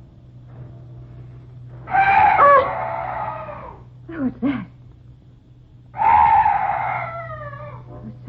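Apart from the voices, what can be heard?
night birds calling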